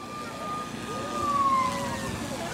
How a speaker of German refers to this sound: Ah, ganz leise, okay. Das Martinshorn.